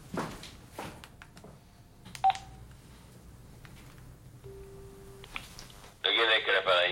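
A telephone is dialed: scattered clicks and a brief beep, then a steady dial tone, ending in a loud burst of noisy electronic sound.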